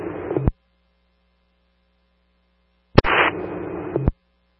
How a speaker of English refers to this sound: static first.